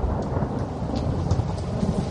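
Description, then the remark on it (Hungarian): A low, rolling rumble of thunder from a thunderstorm fills the scene over steady rain, with faint crackling drops spread across the top. Sustained, with no voices present. “Dörög az ég.”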